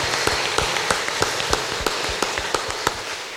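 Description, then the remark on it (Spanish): An audience at a Catholic Mass claps for the fathers present, a dense wash of applause with sharper claps standing out in a steady, fairly quick rhythm, sustained at even loudness with no voices. “Démosle un fuerte aplauso a los papás que están acá.”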